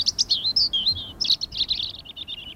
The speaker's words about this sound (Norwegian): Fuglekvitter, og jeg føler at man kan høre varmen også. Og det var sånn mild, deilig vind som bare stryker deg på hodet.